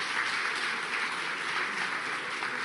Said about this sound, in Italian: So a big applause for the Minister for the Sea of Italy.